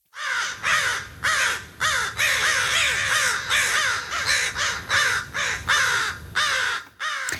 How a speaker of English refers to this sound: I will also tell you this bird holds funerals. Now, overwhelmingly, people on the text line say it is the American crow or crow.